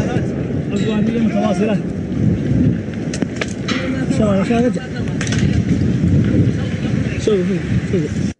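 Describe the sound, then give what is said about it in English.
Debris rains down after explosions from strikes in Yemen by Storm Shadow air-launched cruise missiles, a steady rumbling roar broken by sharp scattered cracks and clatters, loud, with faint voices mixed in underneath. “That falling debris that you can hear is always the telltale sound of authenticity.”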